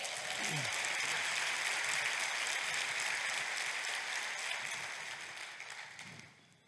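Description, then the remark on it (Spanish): An audience applauds together in a dense, steady wash of clapping that holds strong for several seconds, then gradually thins and fades toward the end, with a brief voice faintly audible early on. “Date un aplauso.”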